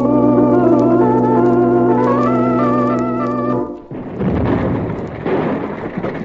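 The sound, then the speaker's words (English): A steady, layered whistling drone holds for a few seconds, then cuts off as an overloaded donkey-engine boiler explodes and blows up the pump house, a broad, rumbling roar that keeps crackling and churning to the end. “Well, that bonehead you hired to take care of the donkey engine overloaded the boiler. She let go and blew the pump house to smithereens.”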